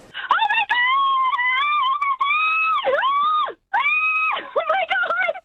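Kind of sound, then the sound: human body sound, excited fan screaming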